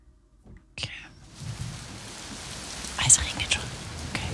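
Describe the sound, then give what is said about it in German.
Soft, steady rain patters with a fine crackling texture, fairly quiet, starting after a brief near-silence and swelling slightly with a few sharper drops toward the end. “Das könnte es auch ein Lagerfeuer sein eigentlich, gell? Ist aber Regen.”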